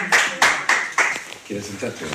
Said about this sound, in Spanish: Un aplauso para la señora.